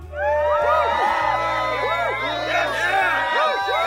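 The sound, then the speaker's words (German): A large crowd of young voices, schoolchildren in Mexico cheering the start of summer holidays, cheers and whoops loudly and continuously, with overlapping high-pitched shouts and rising yells filling the whole few seconds. “Jubel! Jubel! Ferien, muchachos!”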